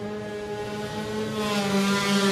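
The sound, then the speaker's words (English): Will Loader's CKS Precision Yamaha 250cc race motorcycle launches off the TT race start line at Glen Crutchy Road, its buzzing two-stroke engine holding a steady harmonic whine, then swelling louder with a hiss of rising revs near the end. “The clutches get a heck of a hammering off the line, and Will is away.”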